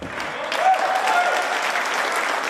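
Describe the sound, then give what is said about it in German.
Steady crowd applause in the Robert-Koch-Straße sports hall at a gymnastics all-around competition with more than 20 athletes on 6 apparatus, a dense continuous patter of many hands clapping at an even loudness throughout, with faint voices mixed in. “Applaus in der Sporthalle Robert-Koch-Straße.”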